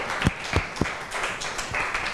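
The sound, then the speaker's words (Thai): Applause from a group of students in a classroom for student representatives after their presentation, a steady wash of many hands clapping with a few louder, sharper claps standing out at the start, no talking over it. “ค่ะก็ต้องขอขอบคุณตัวแทนนักเรียนนะคะได้มานำเสนอสถานการณ์เกี่ยวกับการซื้อสินค้าผ่านโลกออนไลน์นะคะเราก็ได้มุมมองหลากหลายที่เพื่อนได้นำเสนอไปขอเสียงปรบมือให้ตัวแทนนักเรียนอีกครั้งหนึ่งค่ะ”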